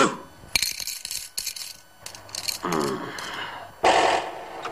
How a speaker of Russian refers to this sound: Бьет рукой по телефону.